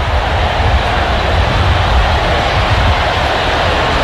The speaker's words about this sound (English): It's 17-3 as the rain hits at Williams-Brice Stadium.